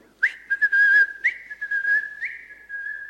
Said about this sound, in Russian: Сказал, что сейчас вернется, он свистит вот так. Свистит? Свистит.